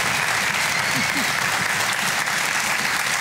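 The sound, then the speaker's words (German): Sustained audience applause on a show welcoming the week's two drawn contestants, who play for 75,000 euros, a dense, steady wash of many hands clapping at an even loudness throughout, with a faint murmur of voices underneath. “Begrüßt mal mit einem herzlichen Applaus unsere beiden Kandidaten in dieser Woche, die Ausgelosten.”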